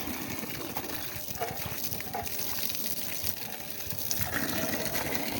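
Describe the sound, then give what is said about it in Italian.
Water pours and gushes steadily from the spout of the Orso fountain, a continuous rushing splash that swells slightly louder near the end. “Solo che l'acqua non scende.”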